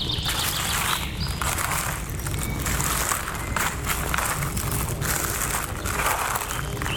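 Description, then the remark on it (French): Birds chirp and twitter faintly in the Pyrenean piedmont in early spring, scattered short calls over a steady outdoor rustle and crunching, like footsteps on dry ground. No one speaks. “Florilège des oiseaux qui gazouillent.”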